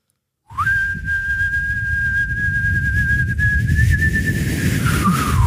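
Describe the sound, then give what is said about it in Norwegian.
A man whistles one long, steady note held for about six seconds in a contest to hold a whistled note, wavering slightly near the end, over a constant low rumble of background noise. “For han plystret ikke på slutten.”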